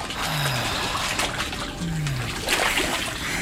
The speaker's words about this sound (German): Nur zu gerne tauchte der junge Mann seinen nackten Körper in das erwärmte Wasser.